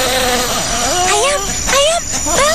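A bee buzzes steadily, its drone rising and dipping in pitch as if it darts in and swings away, loud and continuous for a couple of seconds with no one speaking.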